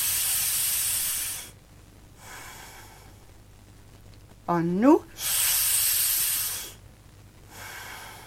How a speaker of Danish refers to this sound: I ånde oppe fra universet, ned igennem hjernen, ned igennem rygsøjlen, ud igennem fødderne, tre dybe åndedrag. Nu!